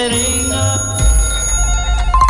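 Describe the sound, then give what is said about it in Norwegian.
Several telephones ring at once on all lines during the radio bingo show Radbingoen, their high, bell-like tones overlapping in a steady, continuous jangle, with a low rumbling hum rising underneath partway through. No one speaks. “Det ringer, vet du, i alle linjer.”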